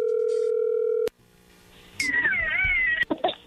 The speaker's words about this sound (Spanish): Bueno, a ver, ahí entra la llamada. Le va a llamar el lobo.